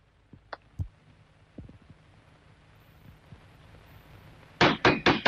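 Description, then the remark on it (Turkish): Loud, rapid pounding on a door as a father demands that his daughter open it: four or five heavy knocks in quick succession, following a stretch of quiet broken only by a few faint, scattered thumps. “Aç kapıyı Nazlı! Açıyorum sana!”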